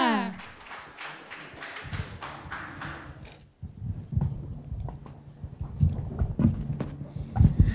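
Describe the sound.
A burst of steady, rhythmic applause with evenly spaced claps fills the first few seconds, then fades into a low murmur of voices with scattered claps.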